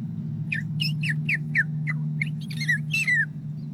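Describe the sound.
A child's voice imitates a purple martin with a quick run of about a dozen high, downward-sliding chirps and warbles over a steady low background hum.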